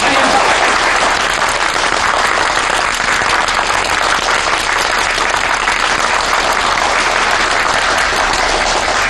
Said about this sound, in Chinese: 同志们，今天是中国共产党北京支部和马克思学说研究会共同举办的形势报告会，而且长辛店的工人俱乐部也派出代表前来参加，让我们以热烈的掌声欢迎他们的到来。